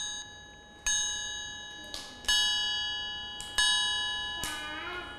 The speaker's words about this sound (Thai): วันนี้คุณครู…มีเสียงสัญญาณจังหวะจากเครื่องดนตรีชิ้นนี้ค่ะอะไรคะระฆังสามเหลี่ยมใช่ไหมคะคุณครู…ก็จะให้เสียงสัญญาณจังหวะแบบนี้ค่ะ